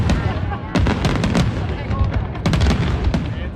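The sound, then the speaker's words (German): The large fireworks display over the lake at the Swiss National Day celebration of the Brunnen village festival, in good conditions: loud, dense barrage of rapid crackling bursts clustering in two heavy volleys over a continuous booming rumble that never lets up. “Das grosse Feuerwerk über dem See hat dann 2,5 Stunden später aber können stattfinden, bei besten Bedingungen.”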